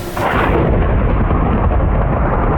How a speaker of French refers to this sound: Orage qui passe au-dessus de ma tête.